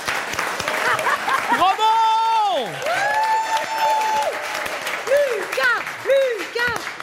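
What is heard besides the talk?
audience applauding and cheering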